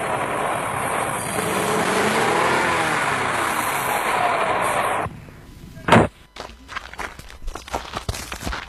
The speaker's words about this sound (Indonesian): Laju kendaraan kami agak melambat ketika berpapasan dengan mobil angkutan umum yang mengangkut anak sekolah yang menuju ke arah kota Gorontalo karena jalannya tidak terlalu lebar.